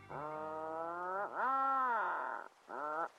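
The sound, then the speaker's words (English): Atlantic puffin calls: three drawn-out, groaning, harmonic moans, the middle one swooping down then up in pitch, the last short, loud and alone with no talking. “Just off the southern coast of Iceland, the Westman Islands are home to many of the country's several million Atlantic puffins.”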